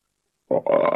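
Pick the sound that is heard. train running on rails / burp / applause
burp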